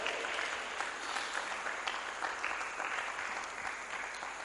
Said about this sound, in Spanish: Aplauso, por favor.